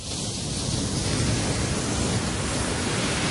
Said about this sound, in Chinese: 在大热天时的时候咧，听下呢啲海浪声咧，都有种好凉快的感觉啊！